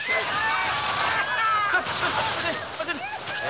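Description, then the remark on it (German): Water from a hose splashes and sprays in a steady, loud rush, with a wet sloshing texture throughout, and voices can be heard faintly beneath it. “Aus Wassermarsch! Schluss! Aus!”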